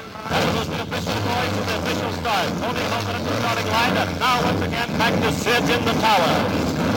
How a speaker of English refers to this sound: Gentlemen, start your engines.